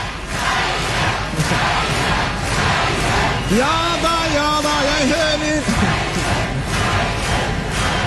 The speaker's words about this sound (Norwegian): jeg hører at dere roper på …, men det hjelper forferdelig lite nå.